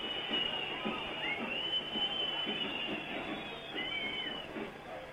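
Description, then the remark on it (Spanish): A stadium crowd whistles and jeers at half-time, after the referee ends the first half of the match played by the team called 'el equipo cervecero', in a steady, dense roar, with shrill whistles sliding and wavering high above the constant rumble of many voices throughout. “Los silbidos son el sonido ambiente corto, pero elocuente y contundente del primer tiempo espantoso que acaba de jugar el equipo cervecero.”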